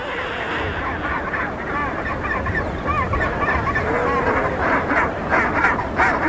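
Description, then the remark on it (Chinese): A noisy chinstrap penguin breeding colony: many harsh, honking calls overlap in a dense, unbroken chorus, loud and steady for the whole stretch with no pauses. “尽管帽带企鹅爸爸拥有多年的繁殖经验，要在喧闹拥挤的繁殖地中准确找到自己的巢穴也绝非易事”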